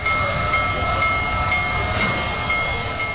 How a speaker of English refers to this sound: The world's largest operating steam locomotive rolled into Greeley earlier this week.